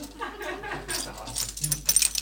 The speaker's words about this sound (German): Wenn man einen Schlüssel hat, schon. Sagt Barbara Bellini und klimpert mit ihrem Schlüsselbund.